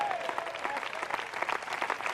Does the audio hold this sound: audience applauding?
yes